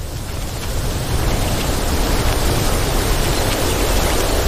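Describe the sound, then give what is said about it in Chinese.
A steady, loud rush of wind blowing without pause, a broad hissing roar with a heavy low rumble that swells slightly after the first second and then holds constant; the wind has suddenly picked up and rain seems about to fall. “今天突然刮起了风，好像快要下雨了。”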